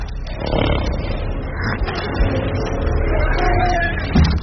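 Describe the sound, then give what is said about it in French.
Horses whinny and cry in suffering in a war scene, amid a dense, noisy background, their calls rising over a steady rumble of activity for several seconds at a moderate level. “donc on est sur une scène où normalement c'est ils souffrent, ils sont un peu massacrés, et on entend ces cris de chevaux.”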